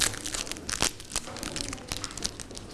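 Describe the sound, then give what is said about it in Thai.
A teacher unwraps a sticker prize for a child: a steady stream of crinkly, crackling wrapper noises with irregular bursts and one sharper rip near the start, fairly quiet and with no talking. “เดี๋ยวแกะให้ก่อนนะคะ”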